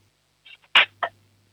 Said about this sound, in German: dann nimmst du so 5, 6 Gabeln und lässt sie so richtig schön reinscheppern in die Lade, damit dann haben wir ein bisschen Lärm hier im Radio, das ist auch immer toll.